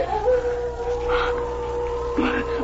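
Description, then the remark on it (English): A wolf howls in one long, steady, mid-pitched wail that holds for the whole clip, in the Arctic at nightfall as the wind rises, with soft rustling noise rising and falling beneath it. “That's a wolf.”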